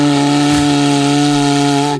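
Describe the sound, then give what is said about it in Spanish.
A cuerno bocinero, a horn made by artisans in Euskadi, is blown by vibrating the lips in one steady, low, buzzy note lasting about two seconds, mooing much like a cow, then cut off abruptly. No one speaks over it. “Que bueno, que el caso, que si alguien quiere hacer una demostración de cómo se toca el cuerno bocinero dignamente”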